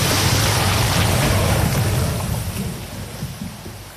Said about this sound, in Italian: Questo è il suono prodotto da una massa di acqua e sabbia che scende lungo un canale simulando quanto successo lo scorso anno a Blatten, dove una frana ha travolto il paese e causato la morte di una persona.